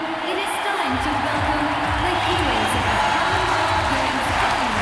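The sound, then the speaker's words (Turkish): A huge stadium crowd at the opening ceremony of the 2010 Commonwealth Games in host country India roars and cheers in welcome as the Indian team arrives, a steady, dense wall of sound for several seconds, with scattered whoops and many voices blending into the loud, continuous din. “Onlar için büyük bir karşılama.”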